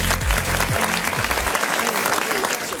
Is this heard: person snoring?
no